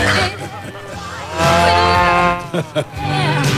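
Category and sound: animal, cow mooing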